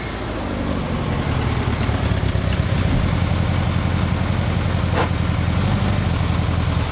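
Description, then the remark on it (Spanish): A car engine idles steadily, stopped at a crossroads on deserted streets, a low rumbling hum with a constant rhythmic throb and no other sounds, holding even for several seconds. “Llega a un cruce y se detiene.”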